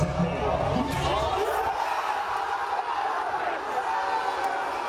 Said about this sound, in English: Yeah, see? Because they'd been drinking since 3 a.m. Yeah. That's what the alcohol was for. Yeah. Guaranteed cheering.